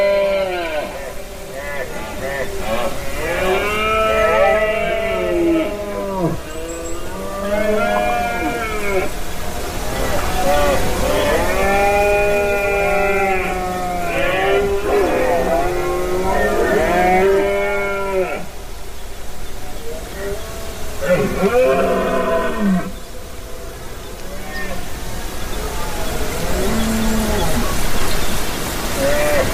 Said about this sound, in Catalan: Aquesta que escolteu és la brama dels cérvols a Beaumort, en aquesta muntanya calcària a la Conca de Dalt i al Pallars Jussà